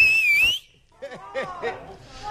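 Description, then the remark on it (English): A single piercing whistle by a woman, heard over a phone call, very loud, holds a high wavering pitch for about half a second, then cuts off as quieter voices follow. “Okay, I need your loudest whistle.”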